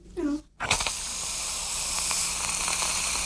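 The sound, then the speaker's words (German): A short voiced sound at the start, then a steam iron being tried out releases a steady, fairly loud hiss that holds at an even level for nearly three seconds. “Oh, das Bügeleisen ist toll.”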